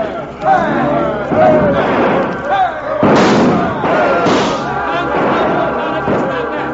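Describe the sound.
A rowdy crowd causing a bloodless riot in the street, shouting and yelling over one another, loud and continuous, with scattered thuds and bangs breaking through the din of raised voices.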